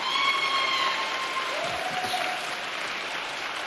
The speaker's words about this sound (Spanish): Como usted no es migrante, no aplaude, pero los migrantes se aplauden.